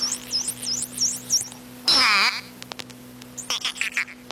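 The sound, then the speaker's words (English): Dolphin whistles and clicks: a run of high looping whistles, then a loud squealing burst, followed by scattered sharp clicks and short chirps over a steady low hum, with no talking. “The Miami... Dolphin! That's a dolphin.”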